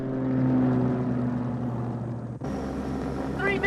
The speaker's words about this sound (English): The heat from the plane's engines causes hills silhouetted in the distance to shimmer as the aircraft takes off.